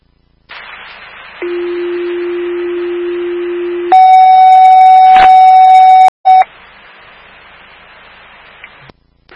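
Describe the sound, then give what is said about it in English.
Fire dispatch alert tones for station 25, a medical call at 2 Magnolia Street, over radio hiss: a steady low tone holds for a few seconds, then switches to a higher, louder tone, followed by a short blip before the static resumes. “Fire alarm to station 25, medical at 2, Magnolia Street, can you start in stage for that location?”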